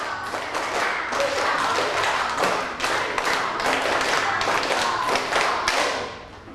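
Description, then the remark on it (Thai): A group of students claps hands together in a steady rhythmic step pattern, one round, sharp repeated claps in regular beats, fairly loud and continuous for several seconds before fading at the end. “เอาปรบมือเป็นสเต็ป1รอบปรบมือเป็นสเต็ป1รอบ”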